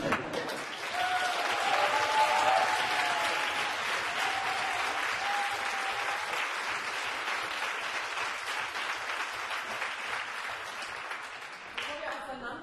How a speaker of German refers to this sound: Gebührt euch ein ganz großer Applaus.